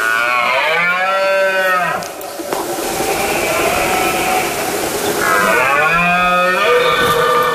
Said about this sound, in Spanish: Es la época del celo del ciervo y el corzo, por lo que el macho brama para llamar la atención de las hembras e imponerse ante el resto de los machos. Un sonido espectacular que consigue conectarnos con la naturaleza.